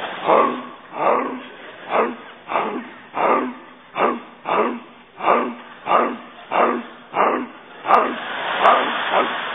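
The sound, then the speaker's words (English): A person's voice imitates a dog barking, a steady run of about a dozen loud, rhythmic woofs spaced evenly, with nothing else in between. “I'm a dog. I'm barking.”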